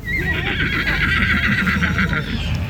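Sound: horse whinnying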